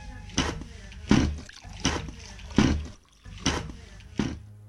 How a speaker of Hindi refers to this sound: बेटा जरा एक लोटा पानी तो ला दे, मेरा अंगोछा भी ले आ, जरा हाथ मुंह धो लूं।